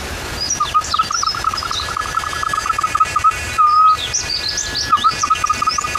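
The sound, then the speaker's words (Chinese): A whistle imitates a bird call: a rapid warbling trill with higher chirping notes above it, broken by one steady held tone midway, fairly loud with no talking. “模拟鸟叫的声音，还有另外一种鸟，这是一种鸟叫。”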